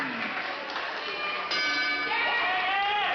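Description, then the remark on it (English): A boxing bell rings out sharply to start round one of a Japan title match in Tokyo, over the steady roar of a packed arena crowd, its metallic tone sustaining and ringing on as the noise continues. “The bell rings, and he goes on the offensive, throwing punches aggressively.”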